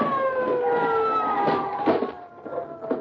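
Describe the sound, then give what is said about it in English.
A police car siren wails loudly and steadily for three seconds as the car stops in front of a house, its tone gliding slowly downward in pitch, with faint background rumble and no voices. “The police car stopped in front of the house.”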